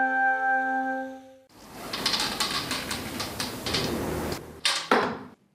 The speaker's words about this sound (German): Eine Bogensehne wird gespannt, losgelassen, der Pfeil fliegt ins Ziel.